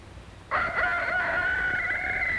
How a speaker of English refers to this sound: The rooster sends out his call, and the chickens begin to wake.